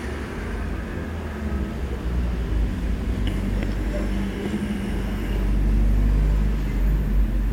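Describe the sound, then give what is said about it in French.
Steady street traffic on Boulevard Saint-Germain in Paris, with a fast scooter, a truck, a van and cars passing, a continuous low engine rumble that swells louder toward the end as vehicles pass, with a few faint, brief higher sounds over the roar. “Un scooter qui va très vite, un camion, une camionnette, un homme qui me montre du doigt en passant, trois voitures, un oiseau qui passe dans le ciel, les gens traversent le boulevard Saint-Germain, dont une femme qui tient un bébé dans les bras.”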